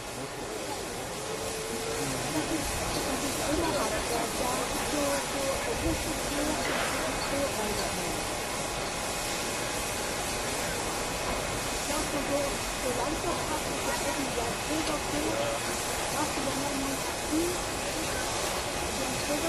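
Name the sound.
steam locomotive hissing steam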